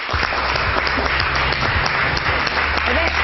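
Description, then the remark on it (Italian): Sustained audience applause for a woman guest, a model and entrepreneur, fills the space, a dense, steady wash of many hands clapping at once, loud and continuous throughout with a low hum of background noise beneath it. “Applausi a non finire per questa donna di eccezionale valore.”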